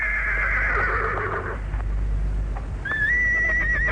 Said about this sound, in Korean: 말은 워낙 달갑지 않던 차에 등이 얼은 사람이 너무 가벼운 것을 느끼자 미친 듯이 네 굽을 안고 달려가며 뒤에 먼지를 뽀얗게 일으켰다.